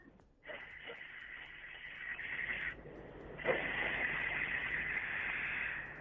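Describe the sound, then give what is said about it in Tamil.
An eighth-grade child imitates a fast-moving train with a sustained, loud rushing hiss that breaks briefly midway, then surges back stronger and keeps whooshing steadily to the end. “வந்து ட்ரெயின் வேகமா போகுது.”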